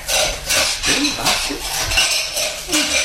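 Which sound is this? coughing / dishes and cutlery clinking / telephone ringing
dishes and cutlery clinking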